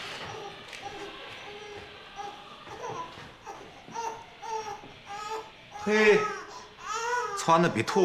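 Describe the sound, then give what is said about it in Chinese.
A newborn baby boy, just born in the home across the hall, cries in repeated loud, wavering wails that swell toward the end, with shorter whimpering cries in between, heard on its own without talking. “哎呀，你听，孩子在哭呢，动静多大！”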